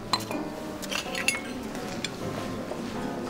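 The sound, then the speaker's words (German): Several bright glass clinks ring out in quick succession as glasses are touched together in a toast, with a faint background murmur and no talking. “Also ich glaube, wir sollten erst einmal ein bisschen anstoßen.”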